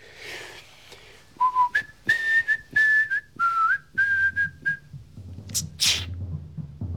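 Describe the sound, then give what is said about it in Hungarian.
A person whistles a short tune of about a dozen clear, pitched notes, then a brief, sharp noisy burst follows with a low rumble underneath. “Mit fütyülsz, te tökkel ütött?”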